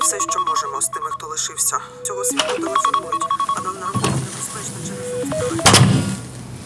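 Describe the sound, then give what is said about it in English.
A phone rings during a call with a melodic electronic ringtone, its bright stepped tones repeating in a quick pattern, fairly loud, with some muffled background noise and a brief burst near the end. “Sori, kun mä vielä tässä nyt soitan.”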